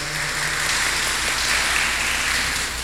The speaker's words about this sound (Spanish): Vamos a darle un fuerte aplauso de felicitación. Muchas felicidades.